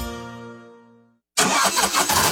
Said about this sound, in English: Oh dear, my car is making a funny noise. Warning, maintenance required.